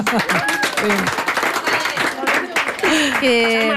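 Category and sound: crowd, class applauding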